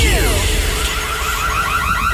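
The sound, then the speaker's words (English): A burglar alarm wails with a rapid, steady electronic warble, its rising tones repeating over and over, loud, above a low rumbling background. “With 4K CCTV, smart burglar alarms and access control installed by Advanced Overwatch, your property is fully protected, secured and monitored 24/7.”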